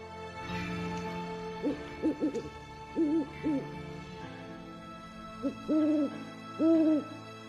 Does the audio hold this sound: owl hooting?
yes